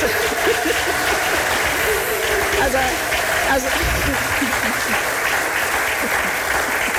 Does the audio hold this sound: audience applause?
yes